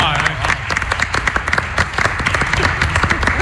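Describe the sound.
A round of applause from a small group, dense overlapping claps sustained steadily for a few seconds, fairly loud and close, with some voices faintly mixed in.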